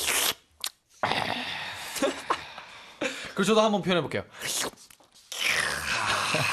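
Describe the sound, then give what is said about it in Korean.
A voice imitates the crunchy bites of eating watermelon with short, noisy, hissing bursts from the mouth, then briefly speaks before a longer, sustained crunching imitation trails off at the end. “이게 먹는 소리 한번 표현해 볼까요?”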